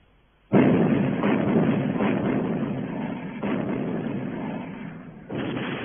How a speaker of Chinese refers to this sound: 凤凰山总攻开始了，阵地上我军榴弹炮、火炮、迫击炮万炮齐发